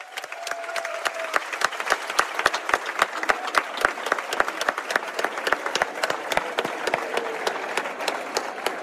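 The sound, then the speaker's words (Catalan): A crowd at a town festa major, celebrating the 30th anniversary of the Pirates i Premianencs, breaks into loud, sustained applause for the people who made the festival possible, dense overlapping claps with sharp individual hits rising above the wash, steady for the whole stretch with no speech. “Per tota la gent que ha fet possible la festa durant aquestes 3 dècades, sisplau, un fort aplaudiment.”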